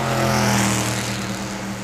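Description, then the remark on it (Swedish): A racing car's engine roars loudly past, its steady high-pitched drone easing off slightly as it moves away. No voices are heard. “Där hade vi racet, en bil som drog förbi.”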